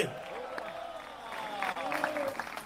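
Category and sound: crowd, audience applauding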